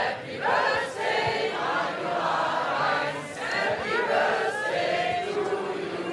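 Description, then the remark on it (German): A large audience sings a birthday song together, loudly and steadily, for the 29th birthday of the radio station Radio 1. Many voices blend into a continuous, slightly ragged chorus with a live feel throughout. “Radio 1 ist 29 Jahre alt geworden. Können wir uns selbst auch nochmal gratulieren. Und deswegen wurde erstmal gesungen”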